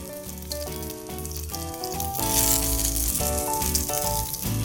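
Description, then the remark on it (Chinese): Fuzzy melon sizzles steadily as it is pan-fried in a hot pan, a continuous hiss that swells slightly midway, with melodic background music playing over it. “呦， 节瓜，煎一煎就可以把它放上来了。”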